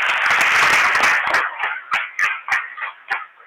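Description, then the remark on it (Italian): An audience bursts into dense applause for the parents, thinning after about a second into scattered, individual claps spaced irregularly until it fades out, with no one speaking over it. “Vedo anche tanti genitori, non li faccio alzare in piedi, però facciamo un applauso ai genitori.”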